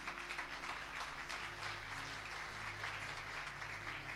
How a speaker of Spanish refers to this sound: ¿Cuántos pueden dar fuertes palmas a Dios?